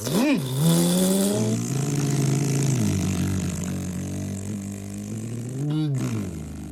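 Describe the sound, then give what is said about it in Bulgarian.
A car engine revs up sharply, its pitch climbing and falling, then settles into a steady drone as the vehicle pulls away, with a second brief rev near the end. “Скачай при мен в колата. Нямаме време да слушаме оправдания и песни. Тръгваме.”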